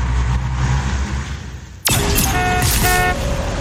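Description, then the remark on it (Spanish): Steady traffic rumble gives way abruptly to loud car horns honking, several tones overlapping in sustained blasts over the noisy street for the remaining couple of seconds. “¿Estás atorado? Vence el tráfico con La Lupe.”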